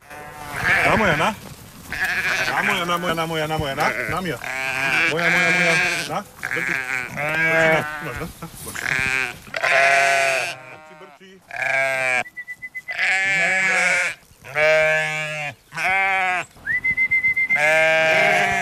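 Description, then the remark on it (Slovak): A flock of sheep on a pasture bleats over and over, many overlapping wavering calls, with a couple of brief whistled tones from the shepherd calling them cutting through near the middle and end. “Lebo vždycky, keď ich volám, tak ich nevolám zbytočne, buď ich idem nakrmiť, alebo spočítať, alebo idem previesť na druhú pastvu”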